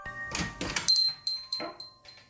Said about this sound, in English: It was then that the door to the station opened, and Captain Cal, the programmer who played the audio the night before, re-entered the station.